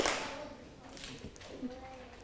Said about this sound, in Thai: นักเรียนเงียบเสียงก่อนค่ะปรบมือหนึ่งครั้งปรบมือ2ครั้ง